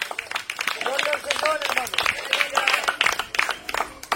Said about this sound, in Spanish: A su nombre, regálale un aplauso a Jesús en esta tarde.